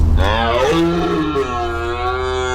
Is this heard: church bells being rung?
no